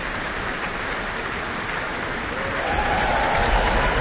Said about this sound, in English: Hugh Dan, principal trumpeter, receives his applause with the rest of the trumpet section.